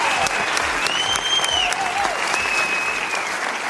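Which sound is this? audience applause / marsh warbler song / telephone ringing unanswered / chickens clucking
audience applause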